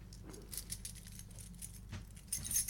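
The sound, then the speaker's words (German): Keys, including a key to an apartment in Dresden, jangle as they are held up to the microphone in a series of bright, metallic bursts, growing louder toward the end, with no one speaking. “Ich habe jetzt einen Schlüssel für eine Dresdner Wohnung.”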